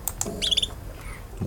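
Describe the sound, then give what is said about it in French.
A female bird gives a short, simple trill: a quick run of high, buzzy pulses lasting about a quarter second, preceded by a couple of sharp clicks, with no voices. “Et des trilles simples.”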